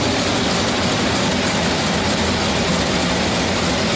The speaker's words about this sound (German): Nee, kein Presslufthammer, ist ein Motor, und zwar der Motor des Theaterschiffs im Nikolai-Fleet. 50 Jahre her, dass Eberhard Möbius die schwimmende Kabarettbühne gegründet hat.